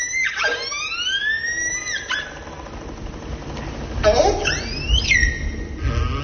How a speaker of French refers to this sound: Là, c'est une orque que l'on entend. Oui. Est-ce qu'on a une idée de ce qu'elle raconte ou de ce qu'elle émet comme son? Alors, les premières vocalisations, pour moi, c'était plutôt du stress. En fait, c'est un signal qui va être répété.